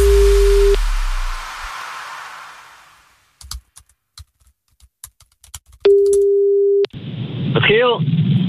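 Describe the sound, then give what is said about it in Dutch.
A telephone ringback tone sounds in two steady one-second bursts with a long gap of faint clicking and tapping between them on a call to Giel Beelen, then he picks up and a voice starts speaking in Dutch. “Nee, ja, we wilden eigenlijk alleen even checken of dat je de telefoon opnam en of dat je nummer nog klopte.”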